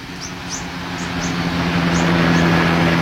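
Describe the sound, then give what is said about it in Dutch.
A helicopter flying past over a beach, keeping watch over the ocean, its steady low engine drone and broad rushing noise slowly swelling in loudness, while a few short high chirps flick over the top. “Er vliegen bijvoorbeeld vaker helikopters langs om de oceaan in de gaten te houden. Hier komt er één.”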